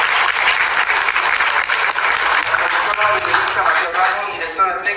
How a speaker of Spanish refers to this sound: Fuerte los aplausos.